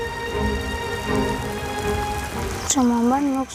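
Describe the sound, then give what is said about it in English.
Steady rain patters on a hard surface in a continuous wash of noise, with a brief voice-like tonal sound rising over it near the end. “Even if it rains, we have to go to class.”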